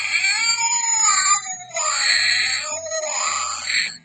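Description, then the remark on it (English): A Halloween sound-effect toy lets out loud, drawn-out cat yowls, three wavering caterwauls in a row that rise and fall in pitch, with no talking. “Thank you, Dollar Tree, for that lovely, lovely sound effects thing for Halloween.”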